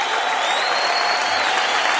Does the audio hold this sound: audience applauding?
yes